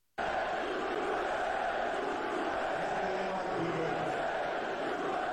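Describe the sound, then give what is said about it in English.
A large crowd roars in a sustained, dense wall of booing aimed at Donald Trump that starts abruptly and holds loud and steady for several seconds, with low drawn-out voices rising through the din. “They were booing the hell out of him.”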